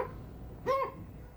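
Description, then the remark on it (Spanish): A single short, high-pitched yip from a small dog, rising and falling over a faint background hum with no other sounds. “Son perritos ladrando.”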